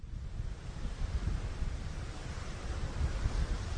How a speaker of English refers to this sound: Out in the middle of the Atlantic Ocean, waves are crashing against the side of a 17-story cruise ship.